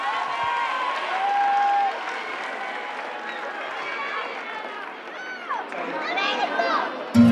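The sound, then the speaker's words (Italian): A live audience claps steadily and fairly loudly for several seconds for the singer's guitarist, with cheers, a brief whistle and crowd voices mixed into the dense, continuous applause. “Fate un applauso”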